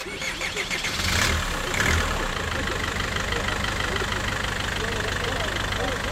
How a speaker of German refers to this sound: Langsam setzt sich der Bus in Bewegung. Nur wenige Plätze sind besetzt, als ich von Tirana nach Tepelena aufbreche. Zum Abschied hupt der Fahrer den Kollegen zu.